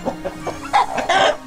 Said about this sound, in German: Ja, Huhn Nummer 2. Ich bleib dabei, das klingt beleidigt.